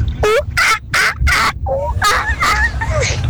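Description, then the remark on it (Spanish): A child's voice imitates a monkey with a burst of rapid, high-pitched 'ooh-ooh-ah-ah' calls, four sharp repeated shrieks followed by a looser, chattering run of squeals, loud and alone. “No sé cómo el sonido del mono.”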